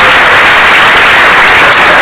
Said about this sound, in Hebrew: איפה כפיים